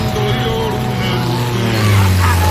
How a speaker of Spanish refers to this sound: ¿has visto una avioneta a estas horas? Qué raro por aquí.